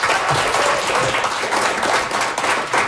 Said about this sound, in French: Je pense qu'on les applaudit très fort.